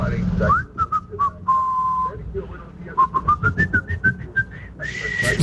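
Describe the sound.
A person whistles the FM Globo radio jingle, a short, catchy tune with held notes followed by a quick run of bouncing, stepping notes, clear over a low background rumble.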